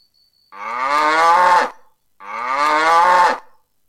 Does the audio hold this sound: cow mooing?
yes